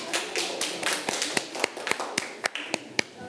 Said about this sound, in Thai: อาจเป็นกลุ่มที่2นะครับกลุ่มที่2ปรบมือให้เพื่อนด้วยครับ